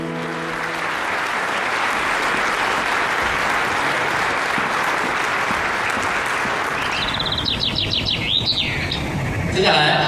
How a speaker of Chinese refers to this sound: 掌声欢呼声，一起请出我们电视剧主角的各位主创们来到现场，掌声欢迎他们。